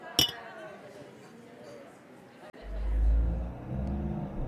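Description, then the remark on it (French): A sharp clink opens, then a deep bus engine rumbles up and accelerates, growing louder over a few seconds, with indistinct murmuring voices underneath; the bus heads to the countryside on the outskirts. “En empruntant les bus, il se rend dans la campagne périphérique.”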